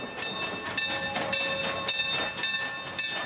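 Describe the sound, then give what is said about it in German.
Train number 4960 rolls into its starting station at Williams, wheels clattering in a steady rhythm over a broad rumble while high, sustained metallic squeals ring out above. No voices are heard. “Inzwischen fährt die 4960 schon wieder auf den Ausgangsbahnhof Williams zu.”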